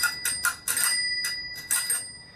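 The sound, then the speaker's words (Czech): The bell of a fairly old bicycle, just lubricated with silicone oil during a repair at a bike workshop in Brno, rings in a rapid, uneven series of about six dings, each bright metallic tone decaying quickly, with no one speaking. “Není to 100%, ale zvoní.”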